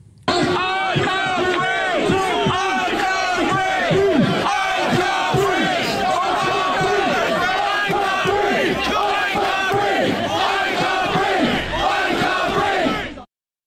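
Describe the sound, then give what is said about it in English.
A large protest crowd outside Southampton Police Station chants "I can't breathe" loudly in unison, many voices shouting the short phrase over and over in a steady, repeating rhythm that continues without pause throughout. “So they're shouting, "I can't breathe, I can't breathe," which, as we all know now, are some of the final words of Henry Novak”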